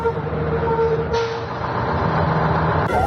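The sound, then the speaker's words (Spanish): A school bus in the Basque Country (Euskadi) rumbles in steadily with a low droning engine, then a sharp hiss of air brakes at the very end as it comes to a stop at its bus stop. “Los autobuses escolares llegan a sus paradas, pero no todos los niños pueden ir a la escuela.”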